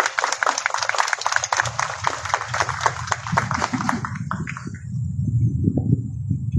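A crowd at an event marking the slope stabilization in Matarani applauds the mayor of Islay district, Irwin Santoyo Chalco, with dense, steady clapping for about four seconds, then the clapping fades out, leaving a low rumble of background noise and movement.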